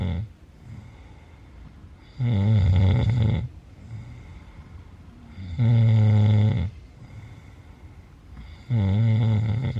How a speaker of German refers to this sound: Dies ist ein Grenzfall von Schnarchen, denn das vollklingende, im Schlaf erzeugte Schnorcheln, Krächzen, Schaben oder Würgen ist hier sehr schlecht ausgeprägt. Der Kenner hört hier höchstens einen Ansatz von Zischen heraus.